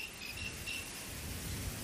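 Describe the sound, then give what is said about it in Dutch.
Several crickets chirp in steady, overlapping pulses, a fairly faint high trill layered over a soft low rumble, with no voices present. “Een soort insect. Een beetje krekelachtig. Dat zouden zeker krekels kunnen zijn. Het is er ook meer dan één.”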